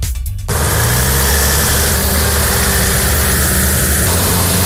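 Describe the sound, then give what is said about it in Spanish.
Heavy trucks of Spain's Military Emergencies Unit rumble loudly and steadily in the early morning as they leave the base at Morón de la Frontera for Huelva, because of a wildfire at Villanueva de los Castillejos; a deep low engine drone with vibration starts abruptly and continues throughout, with no voices. “Son los camiones de la Unidad Militar de Emergencias esta madrugada saliendo desde la base de Morón de la Frontera en dirección a Huelva, porque se ha producido el peor de los escenarios posibles en el incendio de Villanueva de los Castillejos.”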